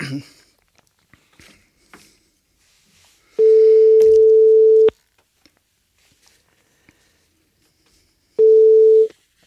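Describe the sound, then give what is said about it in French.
A telephone busy signal sounds while calling a guest during a live radio broadcast: two steady, fairly loud tones, one lasting about a second and a half and a shorter one several seconds later, with quiet handling noises between. “Donc on va pas tarder à l'avoir, notre prochain invité, on va essayer de la rappeler.”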